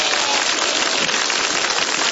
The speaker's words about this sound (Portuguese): Isso, dá uma salva de palmas. Vamos lá, bem bonito para Jesus, vamos lá.